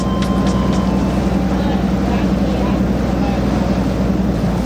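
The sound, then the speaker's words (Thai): Fishing boats arriving at the fish landing pier by Khao Mong Rai in March to unload their catch, their engines droning in a loud, steady low rumble throughout, with a few brief clanks early on and indistinct background chatter mixed in. “ที่ท่าขึ้นปลาข้างเขาม่องไร่ในเดือนมีนาคมปีนี้มีเรือประมงเข้ามาลอยลำขึ้นปลาอย่างคึกคัก”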